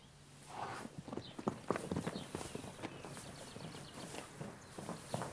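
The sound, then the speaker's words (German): Hooves of several three-year-old Knabstrupper stallions kept together in a herd, moving about at playtime: an irregular patter of dull thuds and clops at moderate loudness, with no voices. “Ein paar Kilometer entfernt hält er Junghengste, um die er sich kümmern muss.”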